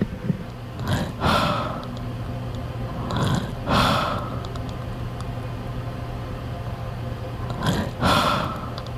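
Slow, heavy breathing of an elderly grandmother in a coma at her bedside, recorded close to the microphone, with three raspy breaths spaced several seconds apart over a steady low hum and no talking.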